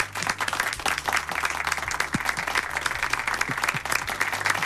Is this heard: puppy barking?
no